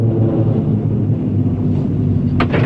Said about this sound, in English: The cable car arrives at the chalet.